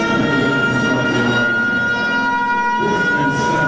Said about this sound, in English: And that is one loud siren, let me tell you. They got that thing cranked up.